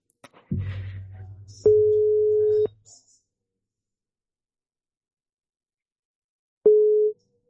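A telephone ringing tone from an outgoing call being placed: a steady, clear electronic beep lasting about a second, then silence, then the start of another beep. A low buzzing hum sits under the first tone.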